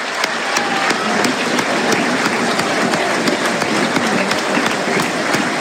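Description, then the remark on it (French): A stadium crowd at a football match applauds steadily as player Mamadou Camara is substituted off for Dylan Bayo, a dense wash of clapping with sharp individual claps popping out above the roar at an even, loud level. “Applaudit Mamadou Camara.”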